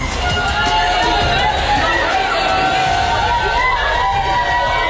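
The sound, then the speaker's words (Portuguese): A crowd screams and shouts in panic moments after a runaway bus struck several people at a bus stop in Cacém: overlapping high-pitched cries rising and falling over a constant loud roar of voices with no pause. “Gritos de desespero e pânico nos instantes a seguir-se a este autocarro desgovernado a ter colhido várias pessoas nesta paragem de autocarro.”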